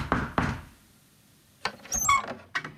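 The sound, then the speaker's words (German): Two firm knocks on a door in quick succession, followed after a short pause by clattering and a brief squeaky creak, as if the door is being opened. “Und dann, an einem Tag, der eigentlich genau so war wie alle anderen, klopfte es an ihre Tür.”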